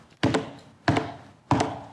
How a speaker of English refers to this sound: So they're eating and drinking, having a good time, and all of a sudden there's this knocking.